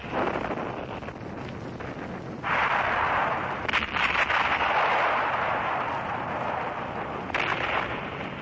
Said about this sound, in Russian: 1941 год, Ленинградский фронт, передний край обороны. ...сосредоточил здесь огромное количество артиллерии. Все кругом сотрясается от гула. Снаряды рвутся.